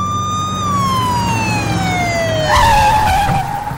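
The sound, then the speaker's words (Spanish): A loud Highway Patrol police siren wails in a long falling tone, then switches abruptly to a faster warbling yelp as the patrol pulls over the driver of a Cougar, with a low engine rumble underneath and no one talking. “La Highway Patrol que detener. ¡Mande la patrulla, mijo!”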